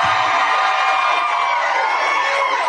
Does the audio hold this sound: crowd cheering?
yes